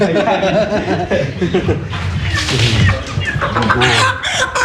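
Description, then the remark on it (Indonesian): A Javanese chicken (ayam Jawa), held before slaughter, clucks repeatedly, its short, throaty calls running continuously alongside people talking. “Nah ini ayamnya ya. Ini ayam yang dipakai untuk ayamnya, ayam Jawa seperti ini.”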